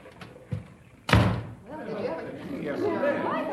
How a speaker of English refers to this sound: … plowed right into … and knocked him down. I think he's hurt.